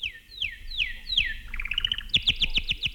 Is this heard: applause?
no